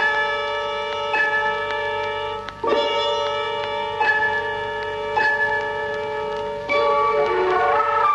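A large bell is struck repeatedly at a slow, steady pace, each loud clang blending into a rich, sustained ringing hum that never fully fades between strikes. No voices are heard.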